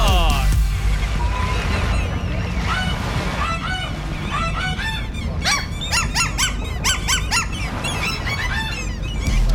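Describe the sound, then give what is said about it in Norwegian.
Two gulls, a tame gull and its brother, squawk back and forth in loud, rising and falling cries, the calls bunching into a rapid, tune-like run over a steady background rumble. “Ja, dette Petter Morgens helt egne tamme måke, som altså har fått med seg broren sin i dag.”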